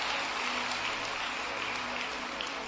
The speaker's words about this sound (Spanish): ¿Le das aplausos al Señor?